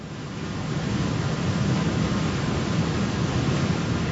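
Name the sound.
rushing waterfall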